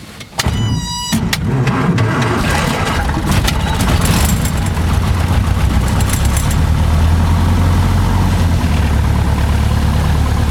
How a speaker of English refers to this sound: We're going to idle the engine, and then we're going to discuss photography, art, and death. And anything else that springs to mind. Okay. So our master is on. Fuel rich prime the engine. Ignition on. Clear prop.